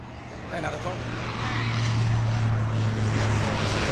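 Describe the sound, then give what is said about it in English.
A Spartan military transport plane passes low overhead while completing a circuit on final approach to land, its loud, steady propeller drone swelling over a few seconds with a deep humming tone beneath a broad roar of engine noise. “So there's the Spartan that the young fella just talked about just then, just going over the top. Completing a circuit on finals now.”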